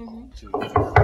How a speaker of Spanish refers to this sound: Salió de la iglesia y miró enfrente una casita. Tocó la puerta y nadie contestó.